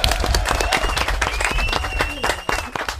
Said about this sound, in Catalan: Bé, molt bé, un aplaudiment, molt bé.